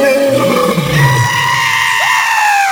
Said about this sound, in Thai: พอดีระหว่างทางได้ไปพบกับนายพราน3คนที่กำลังเดินเข้าป่ามาเสือเนรมิตก็ได้คำรามใส่นายพรานทั้ง3คน